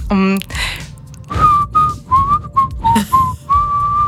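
A high, pure whistle (piščal) plays a short halting tune of about seven sustained notes, clear, after a brief buzzy tone and a breathy rustle at the start.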